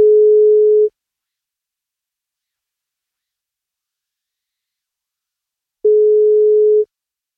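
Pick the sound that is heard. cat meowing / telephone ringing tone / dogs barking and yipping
telephone ringing tone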